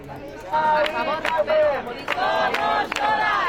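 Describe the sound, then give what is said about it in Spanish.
A large crowd of protest campers at the Sol camp chants a slogan in unison on hearing news of a death, loud voices rising and falling in rhythmic phrases with sharp accented bursts, sustained for several seconds after a brief quieter start. “Los acampados han coreado una vez más el grito que les había traído hasta aquí hace 12 días.”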